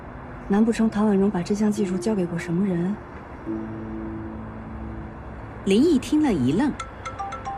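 A melodic phone ringtone for an incoming call plays fairly loud, a warbling tune, then a sustained held tone, then a second warbling phrase.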